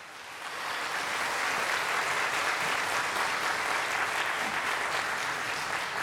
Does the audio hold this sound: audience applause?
yes